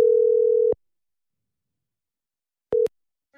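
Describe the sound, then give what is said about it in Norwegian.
An outgoing phone call's ringing tone, a call placed on a Friday afternoon to a festival-pass contest winner: a steady mid-pitched telephone beep lasting under a second, a long silent pause, then the next tone beginning briefly. Clear and alone, with no voices. “da jeg ringte opp Linn Siri for denne beskjeden her på fredag ettermiddag”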